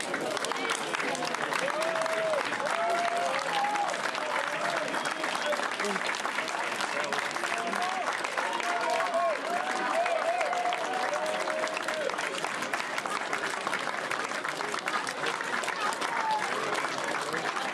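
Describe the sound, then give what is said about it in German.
Steady, sustained applause from a large crowd of Dynamo Dresden fans as the team enters the pitch, dense clapping with scattered shouts and voices mixed in, continuing at an even level throughout. “Als die Mannschaft den Platz betrat, wurde sie mit reichlich Beifall empfangen.”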